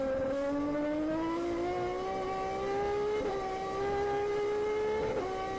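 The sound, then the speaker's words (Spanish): Onboard engine of Mariano Werner's race car roars loudly and steadily during a lap, its pitch climbing as it accelerates, with brief dips around gear changes before rising again. No voices. “Bueno, viajábamos a bordo del auto de Mariano Werner con el relato de Facundo Arduzzo.”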